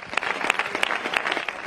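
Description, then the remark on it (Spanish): Steady applause from an audience for Felipa: many hands clapping densely and continuously at an even, fairly loud level, with no voices standing out. “Y como decíamos, un fuerte aplauso para Felipa.”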